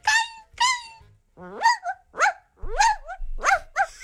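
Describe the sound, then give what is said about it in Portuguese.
A radio listener imitates a dog barking for a barking contest: two short, steady woofs, then a string of five rising, yelping barks with a whiny edge, loud with nothing else underneath. “agora há pouco a gente convocou os ouvintes pra fazer aqui um campeonato de latido.”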